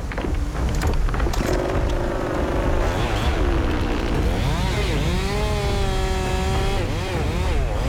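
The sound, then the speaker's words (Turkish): A chainsaw cuts into a tree being felled while the wind blows from the wrong direction, its engine loud and continuous, the pitch dipping and bogging down under load, then climbing again as the blade bites through the wood. “Ben kesmeden rüzgar devirecek zaten. Çabucak kesip kaçmam gerekiyor.”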